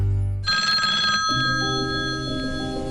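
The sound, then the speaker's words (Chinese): A telephone rings loudly, its bright sustained ring starting abruptly after a brief low rumble, with a lower musical hum joining partway through. “接到冒充平台客服电话，说可以给你退款理赔，千万别轻信，不要按照对方指引操作转账，提供银行卡信息。”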